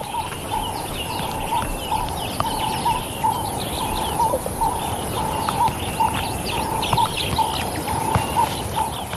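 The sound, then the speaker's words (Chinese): Oxpecker birds accompanying a resting buffalo herd, picking insects off the buffalo's skin to feed their chicks, call in a steady series of short, bright chirps, repeating every half second or so over a dense, rustling background hiss, with no voices. “牛群并不缺少同伴，牛粮鸟。这些鸟会从水牛的皮肤上捉走虫子，喂给幼鸟。”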